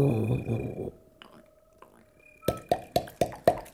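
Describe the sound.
Woodpecker tapping: a quick, even series of about six sharp, loud knocks at the end, following a brief stretch of speech and a quiet pause.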